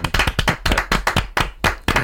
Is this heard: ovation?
yes